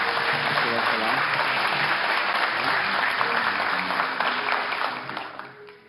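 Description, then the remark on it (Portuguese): Sustained audience applause, a dense steady clatter of many hands clapping at full volume with murmuring voices underneath, tapering off in the final second. “aplausos, né?”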